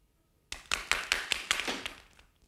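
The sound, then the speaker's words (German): In an experiment, balls strike the floor one after another in an even rhythm, about six or seven sharp, bright clacks roughly a fifth of a second apart, with a ringing tail fading after the last. “Haben Sie gehört, dass die Kugeln in gleichmäßigem Takt unten aufgeschlagen sind?”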